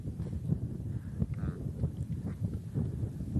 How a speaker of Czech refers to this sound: A vidíš ten vítr, kámo? Cítím.